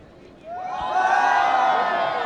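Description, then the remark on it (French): After a brief quiet moment, an audience, told to shout together as soon as a fist is raised, suddenly bursts into loud, sustained shouting in unison, many voices rising together into a high, ringing roar that holds steady to the end. “Dès qu'on lève le poing, vous allez toutes et tous crier ensemble, d'accord?”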